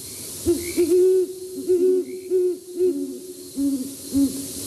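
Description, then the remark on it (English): A male and female owl pair with feather-tuft horns hoot back and forth in a courtship duet at night in a neighborhood, one voice slightly higher than the other, a steady run of deep, resonant, syncopated hoots with barely a pause between calls. “A female and male pair often join in a duet to begin their courtship.”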